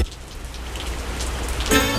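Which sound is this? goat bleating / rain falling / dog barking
rain falling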